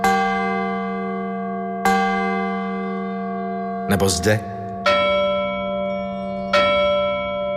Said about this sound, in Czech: V této místnosti můžete vidět různé typy zvonků a píšťal, které měly být umístěny na hrobech, aby upozornili pozůstalé, že zesnulý není mrtev.